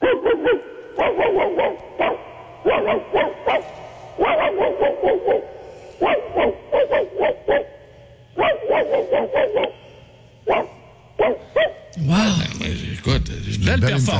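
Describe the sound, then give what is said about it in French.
A male listener from Victoriaville, calling in, imitates a big mongrel dog, letting out repeated gruff barks in quick bursts with short pauses, loud, ending in a rougher, growling flourish. “C'est rare qu'on ait quelqu'un de Victoriaville, on est très content d'avoir un auditeur qui nous appelle pour faire le gros chien bâtard.”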